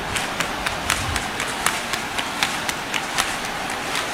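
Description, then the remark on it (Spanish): Crowd applause at the Virgen del Rocío procession in Almonte, cheering on those who have already jumped: a steady, dense wash of many hands clapping for the full few seconds, with sharper individual claps popping out now and then, and no voices. “Aplausos para animar a los que ya han saltado.”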